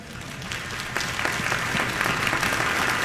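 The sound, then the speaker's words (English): An audience applauds William Tyndale, the first person to publish a Bible in English, clapping steadily for about three seconds, a dense patter of many hands at an even, fairly loud level with no voices rising above it. “You should be clapping for that guy.”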